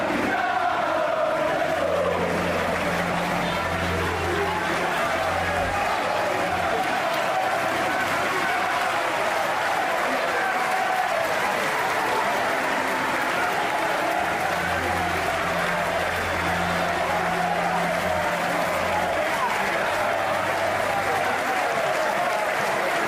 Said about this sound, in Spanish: Afuera, cientos de aficionados esperaban para despedir a la leyenda con cánticos y aplausos.